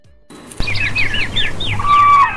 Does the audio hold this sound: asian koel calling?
yes